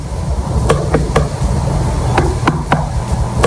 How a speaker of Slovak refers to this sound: Dutý zvuk melóny sme vám ponúkli, takéto klopanie.